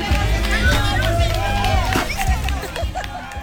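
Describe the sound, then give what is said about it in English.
A lively crowd of adults and children cheers and chatters at a piñata party, with scattered shouts and a few claps over a dense, steady babble of voices, as children take turns whacking a piñata strung in a tree while adults clap, encourage them and sing the traditional song Dale, Dale, Dale. “The adults watched, clapped, and encouraged the kids, singing the traditional song, Dale, Dale, Dale.”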